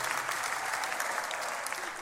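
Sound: audience applause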